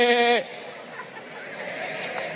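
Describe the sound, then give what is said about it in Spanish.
A loud, sustained bleating "meh" from a crowd of people imitating sheep on a count of three lasts under half a second, then fades into a low, diffuse murmur of crowd noise. “A ver, todo el mundo, hagan como ovejas.”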